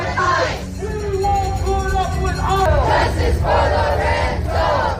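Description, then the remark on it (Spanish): A crowd of protesters against ICE chants the slogan "Ni KKK, ni fascistas, ni ICE" in unison, loud rhythmic shouted voices rising and falling in repeated phrases over a dense background of crowd noise. “Ni KKK, ni fascistas, ni ICE se escuchaba gritar, mientras en las pancartas se exigía dejen de ejecutar a miembros de la comunidad.”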